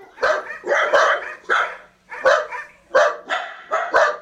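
A small dachshund barks rapidly and excitedly, about eight sharp barks coming in quick pairs and bursts with brief pauses between, loud and alone with no talking.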